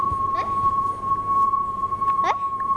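A steady, mid-pitched electronic tone from a loudspeaker being spun around by a teacher to demonstrate the Doppler effect drones without a break over low background rumble, its pitch barely shifting, while two brief wavering sounds rise faintly over it.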